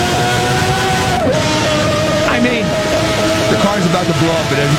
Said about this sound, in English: No traction control, no ABS. No ABS, no traction control. Just a bunch of horsepower and tail and aero. And this is a V12.